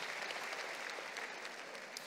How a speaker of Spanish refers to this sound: Un aplauso al Señor y nos podemos sentar.